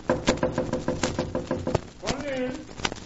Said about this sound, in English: I'm going to knock.